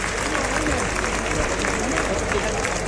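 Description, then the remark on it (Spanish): A large crowd in a bullring gives a strong, sustained ovation after a bullfighter's performance at a novillada, dense clapping and cheering forming a steady, roaring wash of sound that holds at an even level throughout, with voices mixed into the din. “Y ahí está la fuerte ovación.”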